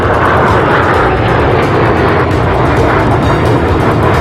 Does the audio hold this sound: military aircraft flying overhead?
yes